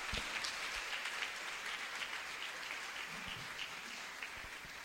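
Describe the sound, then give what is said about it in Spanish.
A crowd applauds Jesus Christ steadily, a dense wash of clapping that holds at an even, fairly loud level for about five seconds with no one speaking. “Denle el aplauso fuerte a mi Señor Jesucristo.”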